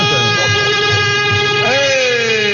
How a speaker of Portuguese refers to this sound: Não, a corneta.